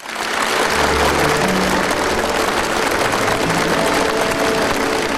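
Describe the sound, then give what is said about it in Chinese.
Sustained, loud applause from a large crowd at the opening ceremony of the 2026 World Artificial Intelligence Conference by the Huangpu River, as Xi Jinping begins his keynote speech: a dense, steady wash of clapping that holds for about five seconds, with faint low tones underneath and no speech. “在热烈的掌声中，习近平发表题为“携手构建公正合理的全球人工智能治理体系”的主旨讲话。”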